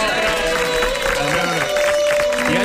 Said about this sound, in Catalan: Hi ha gent de Palma aplaudint, hi ha gent de Bocairent aplaudint, gent d'Igualada, gent de Vilafranca aplaudint els arbres de Badalona i de Barcelona.